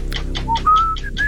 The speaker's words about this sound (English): Whistling.